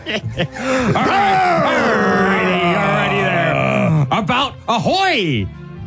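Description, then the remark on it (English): Two men imitate guttural, low-register growling at each other with their voices: a long, loud, wavering growl held for several seconds, framed by shorter throaty bursts and grunts, with no clear words. “Two guys growling at each other.”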